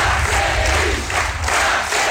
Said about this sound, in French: Le tribun, écouté par une foule très dense, impossible à vérifier, mais l'organisation parle de 10 000 militants présents.